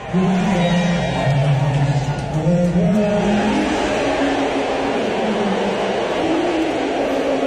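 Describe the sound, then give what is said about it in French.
A large crowd at Madison Square Garden roars steadily for the whole stretch as Donald Trump is shown on the screen during the national anthem, a dense, loud wash of massed voices with low, drawn-out vocal tones rising and falling through it, like sustained jeering or cheering. “Est-ce que vous entendez des acclamations ou vous entendez des huées?”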